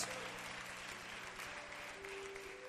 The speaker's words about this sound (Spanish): Si le va a dar un aplauso al Señor, déselo, pero déselo con toda el alma.